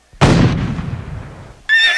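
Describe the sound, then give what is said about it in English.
A loud, booming blast signals the ferry boat, rings out and rumbles away, then a Pony Express rider's horse begins a shrill, wavering whinny right at the end. “Johnny Fry galloped out of Pay-Tee House and down to the landing a mile away where the ferry took him and his steed across the Missouri River.”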